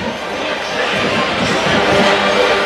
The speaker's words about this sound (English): Crowd still filing its way into L&M Federal Credit Union Stadium.